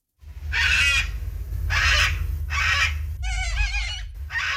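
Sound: cockatoo calling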